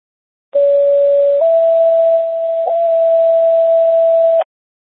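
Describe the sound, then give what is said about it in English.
Dispatch radio non-emergency alert tones sent for a tones check to an ambulance unit: a steady electronic beep holds for about a second, then steps up slightly in pitch and sustains for three more seconds over faint radio hiss, with no talking. “Medic 4, how copy non-emergency tones?”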